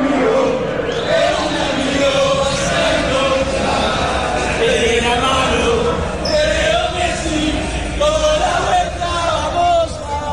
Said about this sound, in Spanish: Los cánticos y los gritos como catarsis. Tras 79 minutos de padecimiento por el 2-0 que Egipto le estaba propinando a su selección y el penalti errado de Messi, los argentinos se liberaron.